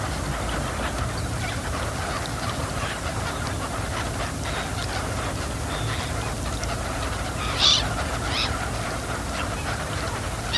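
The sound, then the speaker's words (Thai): A steady wash of ducks calling as they swim and feed on the water surface, a flock that migrated from Siberia to escape the cold; many overlapping quacks and chatters blend into a dense flock murmur, with one sharper call standing out briefly near the end. “เป็ดปากสั้นเป็นเป็ดในกลุ่มที่ว่ายหากินอยู่บนผิวน้ำใช้ปากไซหาสัตว์และพืชน้ำเล็กๆกินเป็นอาหารเป็ดปากสั้นกลุ่มนี้หนีความหนาวเย็นมาไกลจากไซบีเรีย”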